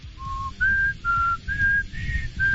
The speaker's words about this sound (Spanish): Ah, se me salió el chiflidín.